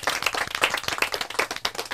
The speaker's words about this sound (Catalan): Un altre aplaudiment, molt bé!